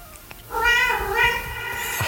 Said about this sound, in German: Das Miauen am Schluss von diesem Song.